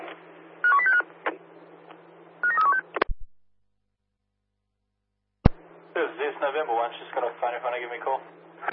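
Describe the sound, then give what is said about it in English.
Short bursts of telephone dialing tones beep over a hissy, narrowband radio channel, followed by a brief silence, a click, and then a voice talking over the radio. “November 1, she's got a phone if you want to give me a call. Is it calling now?”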